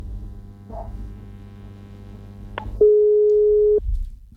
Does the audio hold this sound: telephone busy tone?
yes